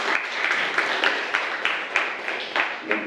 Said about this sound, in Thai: ครับผมก็ปรบมือให้กับเพื่อนๆ อีกกลุ่มด้วยนะครับ